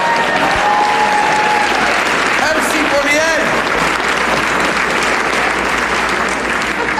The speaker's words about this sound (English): Folks, I'm getting 6% applause on things that deserve 120.